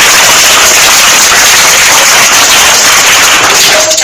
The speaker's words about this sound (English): C. 38. C. 38. Round of applause.